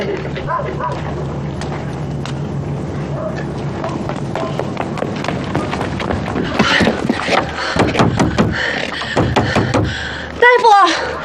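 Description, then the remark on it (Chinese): A series of sharp, irregular raps on a wooden door, growing louder and more insistent over a steady low background hum, with a young woman's voice briefly calling to a doctor to open the door near the end. “大夫，您开开门啊！”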